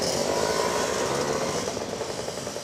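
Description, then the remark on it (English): A Vespa scooter engine in Pontedera, Tuscany, Italy, buzzes steadily: a loud continuous whine with a slight rise and fall in pitch, with no voices over it. “Pontedera is the birthplace of the world's most famous scooter.”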